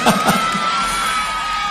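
An audience applauds and cheers at a host's request for a big round of applause: steady, dense clapping with shouts and whoops rising over it, loud and sustained throughout, with no one speaking.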